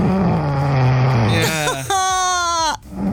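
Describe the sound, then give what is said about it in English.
Loud snoring of someone asleep at a massage venue: a long, low rumbling drone gives way to a harsher, buzzing rasp that cuts off abruptly, then a faint low rumble begins again. “Yeah, that's me snoring.”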